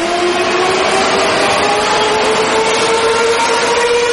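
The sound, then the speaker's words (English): A metro train running on rails in Medellín, Colombia, a loud steady rumble and rattle with a rising electric motor whine throughout, no voices. “And if I can offer one word of life advice, it is to find someone who looks at you like a paisa looks at their metro.”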